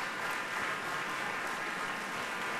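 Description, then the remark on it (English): Steady, sustained applause from a large concert hall audience as Leonidas Cavacos and Enrico Pace return to the stage for a bow after their recital, a dense wash of clapping hands at constant loudness with no pauses or individual voices standing out. “And I'm waiting to see if the applause continues for a third ovation.”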